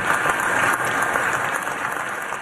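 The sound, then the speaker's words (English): Sustained applause in the United States Senate chamber after Graham Nordone is sworn in, many hands clapping at once in a dense, steady wash that stays loud for the whole stretch with no voices standing out. “And Graham Nordone sworn in, the Senate chamber burst into applause.”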